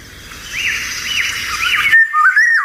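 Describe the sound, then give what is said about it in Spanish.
A Eurasian golden oriole sings a clear, fluting whistled phrase at dawn in riverside woodland, rising and falling in smooth loops, fairly loud, over a soft steady rush of running river water that suddenly drops away near the end. “Esto escuchado en un amanecer, porque es cuando canta, un amanecer en el campo, si estamos cerca de un río, porque es un pájaro de soto, fíjate qué bonito, de bosque de ribera, fresnedas, saucedas, alamedas, choperas, ahí vive la oropéndola.”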